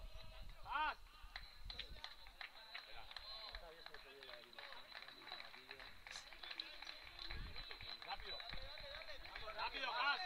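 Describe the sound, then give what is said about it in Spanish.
Steady applause from a modest crowd in the stands at an amateur football match during player substitutions fills the whole stretch, dense overlapping claps holding at a fairly even level, with a brief voice cutting in near the start. “Los aplausos de la grada.”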